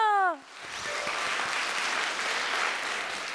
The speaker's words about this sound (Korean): 하늘빛 가야금병 창단 친구들 너무 잘했죠? 수고 많으셨습니다. 큰 박수 부탁드립니다.